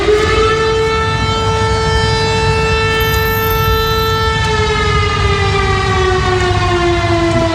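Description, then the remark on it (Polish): A loud civil defense air raid siren wails steadily in Lublin, Poland, during an alert about the threat of an air attack, its tone slowly sliding downward over several seconds, with a constant low rumble of background noise and no voices. “W Lublinie zawyły syreny alarmowe.”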